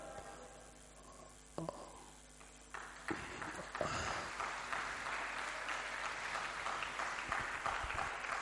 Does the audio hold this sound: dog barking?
no